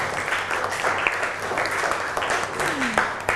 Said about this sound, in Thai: ปรบมือให้เพื่อนค่ะเก่งมาก